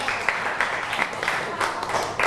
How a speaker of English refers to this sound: Clap your hand for group five again. Good job.